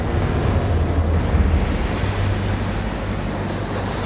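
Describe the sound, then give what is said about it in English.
Water surges and churns steadily in a loud, continuous rush, like waves pouring in, with a low rumbling undertone and no voices. “All the cannons to starboard fired a volley together, but as she turned, her gun ports fatally dipped beneath the waterline and water rushed in.”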